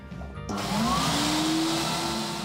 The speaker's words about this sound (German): Hier im Woanders kann man Platten nicht nur hören, kaufen oder tauschen. Man kann sie auch waschen lassen. Von Manfred Graf und seiner Plattenwaschanlage.